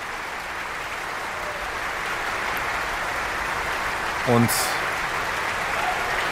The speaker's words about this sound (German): alle Solistinnen und Solisten haben sich jetzt noch einmal vor dem Publikum verbeugt. Und Christian Thielemann lässt einfach nicht locker. Da gibt es auch noch einen dritten Verbeuger. Gran Applaus para la orquesta, para Christian Thielemann.